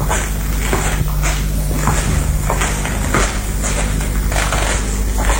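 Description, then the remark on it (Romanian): Heavy footsteps pace back and forth in a steady, restless rhythm, fairly loud over a constant low background hum, with no one speaking: Inspector Javert pacing agitatedly around the room. “inspectorul Javert se plimbă agitat prin cameră.”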